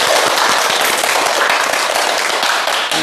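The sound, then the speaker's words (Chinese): Students in a classroom clap together for a classmate's poem recitation, a steady, dense burst of applause that stays loud for a few seconds, with no talking over it. “哎，不错啊，大家给他鼓掌。”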